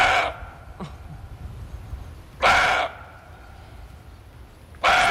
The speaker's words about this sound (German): Der Rehbock, der gauzt wie ein Hund, so ähnlich.